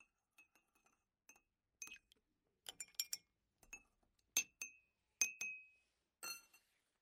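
Small tea glasses clink together again and again as tea is served, in an irregular run of bright, ringing taps, growing louder toward the end, with no voices.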